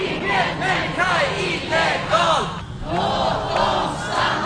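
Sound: protest crowd chanting slogans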